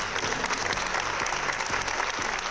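Sustained applause in a Madrid political chamber, asked for by the opposition (Más Madrid and PSOE) as a tribute to an elderly woman while Ayuso stayed seated, a dense, steady patter of many hands clapping at an even, fairly loud level throughout, with no voices standing out.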